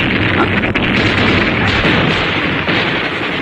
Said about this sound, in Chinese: 话音刚落，机枪声骤起，子弹打破车窗，汽车戛然停下。